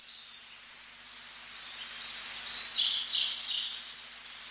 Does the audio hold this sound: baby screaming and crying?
no